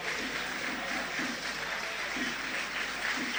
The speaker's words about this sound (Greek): Ακούτε τα χειροκροτήματα που ακούτε είναι για τον Ίνγκασον που ήρθε από την άλλη μεριά του γηπέδου και πάει τώρα στον πάγκο του Παναθηναϊκού.